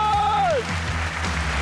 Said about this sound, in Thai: Correct ขอเสียงปรบมือกำลังใจให้กับอมาตยกุล